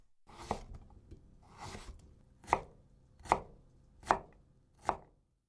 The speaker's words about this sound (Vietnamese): Trong khi đang đặt đậu phụ trong tủ lạnh thì chúng ta chuẩn bị phần rau củ để trang trí. Đầu tiên là thái dưa chuột.